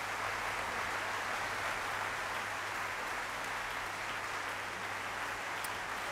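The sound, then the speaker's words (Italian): A large audience in Montpellier applauds steadily after a touring orchestra's concert conducted by Omer Meir Wellber at the Festival Radio France Occitanie Montpellier, a dense, even wash of many hands clapping at once that neither swells nor fades, with no voices heard over it. “così infuocata, così appassionata da parte di Omar Meyer-Welber, che intanto sentiamo essere salutato da un grandissimo applauso da parte del pubblico di Montpellier.”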